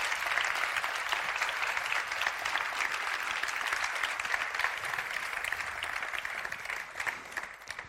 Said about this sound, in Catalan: Doncs un fort aplaudiment per ells.